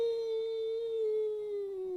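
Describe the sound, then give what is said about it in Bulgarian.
A long, wolf-like howl holds one steady, mournful tone with a slight downward slide at the end. It sounds alone, with no talking and nothing else over it. “Чуваш ли как вие върколака в долината?”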